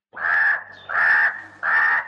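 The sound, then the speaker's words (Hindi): A crow caws three times in a steady rhythm, each call loud, harsh and drawn out, with brief pauses between them and no other sounds around. “मैं हूँ काला कौवा, मैं हूँ काला कौवा, दूर दूर तक उड़कर जाता, सारी खबरें”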